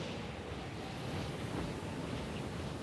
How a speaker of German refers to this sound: Wild ist auch der Wind, der in Velebit entsteht. Die Bura, ein kalter Fallwind, kommt plötzlich, pfeift über Land und Meer und erreicht Geschwindigkeiten von über 200 Kilometern pro Stunde.